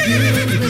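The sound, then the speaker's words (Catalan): A horse whinnies once, a short, loud, quavering neigh lasting under a second, with no talking. “Falta el cavall, eh?”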